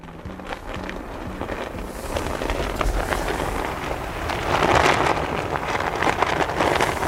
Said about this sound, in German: Es ist windig hier oben. Die Fahne klingt wie ein flackerndes Lagerfeuer. Sie ist so groß, man könnte einen LKW mit ihr abdecken.